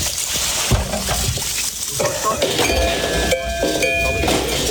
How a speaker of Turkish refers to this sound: Tarım yapılırken yaban hayvanlar zarar vermesin diye o gün dedelerimiz böyle bir yöntem geliştirdiler. Suyla çalışan bu düzenek belirli aralıklarla tenekelere çarparak yüksek ses çıkarıyor.